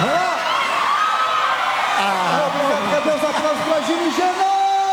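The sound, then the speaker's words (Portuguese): A crowd cheers loudly and steadily for five seconds, many voices whooping and yelling in rising and falling pitches over a dense wash of applause. “Mais palmas de vocês, mais palmas, mais palmas, mais palmas, obrigado, obrigado”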